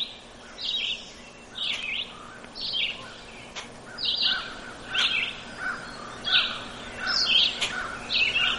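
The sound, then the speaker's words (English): A red-eyed vireo sings short, repeated phrases separated by brief pauses, clear, over a steady faint background hum, with no one talking. “But that's a red-eyed vireo, a little phrased song.”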